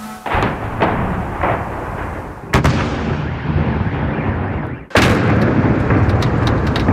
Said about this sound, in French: La scurt timp, cerul a fost luminat de un baraj de rachete și drone și explozii puternice.